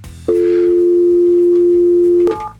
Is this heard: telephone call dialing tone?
yes